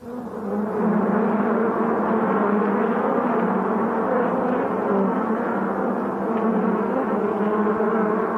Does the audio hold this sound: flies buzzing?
yes